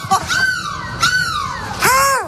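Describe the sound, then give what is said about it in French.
A person imitates a seagull with three loud, strained cries as a goodbye, in a bus in Lille, each a high squawk that slides downward in pitch. There's no talking between them. “Mais c'est quoi cette mouette, …?”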